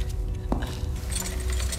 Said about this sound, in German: bitte seien Sie so gut, stecken Sie den Schlüssel auf diese Seite der Tür, ja?